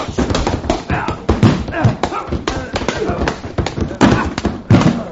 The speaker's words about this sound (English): The way you're hitting him, he's going to fall against the bar and upset those beautiful bottles of